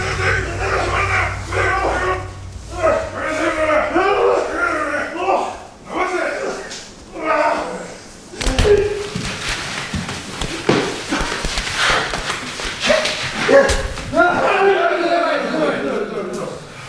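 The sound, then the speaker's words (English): Japanese sumo wrestlers, some of the world's top, at a training session: men's voices and shouts give way midway to a burst of loud slaps, thuds and body collisions, with grunting and calls continuing over the repeated impacts. “Well, those were the sounds of a training session for some of the world's top sumo wrestlers.”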